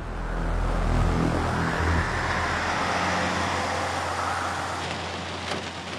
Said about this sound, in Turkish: Çocuklar, yağmur çok şiddetli yağıyor. Biraz tedirgin olmaya başladım. Bence işi durduralım. Fırtınanın geçmesini bekleyelim.